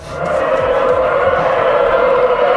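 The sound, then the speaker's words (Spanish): A steady rushing of water as a trainera rowing boat's oars and hull cut through the sea during a free training session at Euskarrin, a loud continuous roar with no distinct strokes and no voices. “que es el roce. Remo contra agua, casco contra deslizados o contra el mar”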